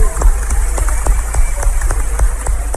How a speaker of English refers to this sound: Clap for Jesus.